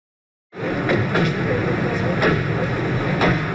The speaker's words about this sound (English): Everyday sounds of car doors opening and men chatting. But the news video from 1995 shows a scene far less ordinary. Serbian President Slobodan Milosevic arriving at a historic meeting on a U.S. Air Force base near Dayton, Ohio.